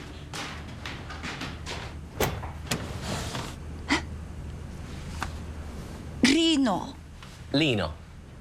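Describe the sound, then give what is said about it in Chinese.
A few sharp clicks and knocks, like a latch being worked, then a front door swings open with a couple of short, whining creaks. “我期待，我去开门。”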